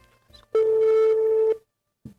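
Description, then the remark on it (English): A single steady ringback tone on a phone line, about a second long, clear and fairly loud, followed by a brief faint click and silence. “Okay, it's ringing.”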